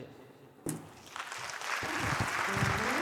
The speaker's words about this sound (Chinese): 谢谢大家满满的掌声，谢谢。